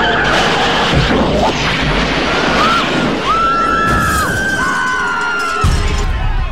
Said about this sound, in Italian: Pensa se adesso nel film la DeLorean supera le 88 miglia orarie, esce dallo schermo e si schianta sul pubblico!